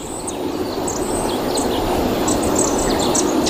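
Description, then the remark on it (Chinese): A dusky thrush, a winter visitor to the area, gives short, high calls several times at an irregular pace on a school campus. The calls are fairly faint against a steady, loud rumbling background noise with no talking. “哦，是的，是的，是斑冬，是斑冬。哎，它是我们这边的冬候鸟。”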